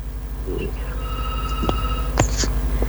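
A telephone rings with a steady electronic tone lasting about a second as the next caller phones in to a call-in broadcast, followed by a few sharp clicks, over a low background hum.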